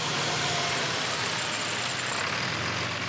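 The engine of a used bus, just collected from Hamburg for a campsite, drones steadily while being driven: a continuous low rumble with road noise layered on top, fairly loud, with no talking.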